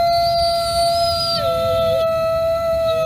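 animal, wolf howling

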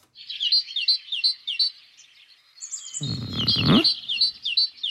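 bird, bird song

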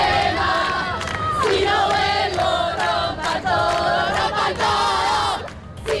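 crowd, protest crowd chanting

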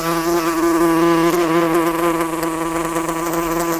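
insect, wasp buzzing

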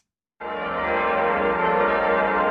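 signal or alarm, church bells ringing

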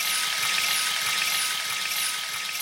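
household object, water pouring

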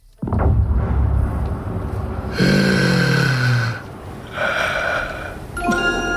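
human body sound, agonized heavy breathing

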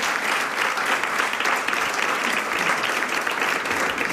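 crowd, audience applause

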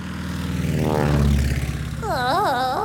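vehicle, airplane in flight

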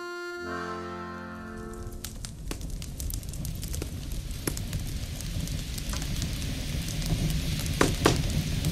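household object, crackling fire

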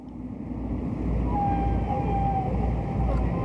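animal, whale vocalization

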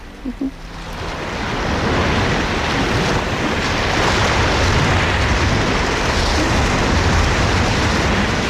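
nature, stormy sea waves crashing

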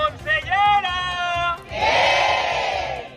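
crowd, protesters shouting at demonstration

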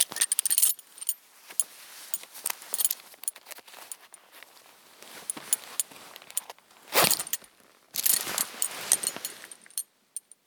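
household object, bunch of keys jangling

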